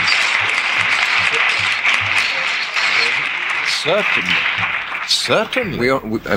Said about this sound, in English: Listen to the applause. Listen to the applause. Not everybody, and the people who attended the Dick Cavett show, probably more liberal anyway.